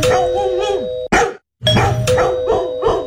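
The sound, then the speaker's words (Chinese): A doorbell rings with a sustained ding-dong, then several dogs break into loud barking in quick repeated bursts after a brief silence, the barks overlapping a lingering chime. “哎哎哎，这些狗，你们快点别飞了，回去笼子里去。”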